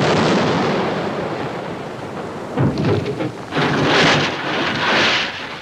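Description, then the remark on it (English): Cannon fire from a 21-gun salute: several heavy booms in quick succession rolling over a constant rushing rumble, loud and reverberant, with no voices. “A 21-gun salute.”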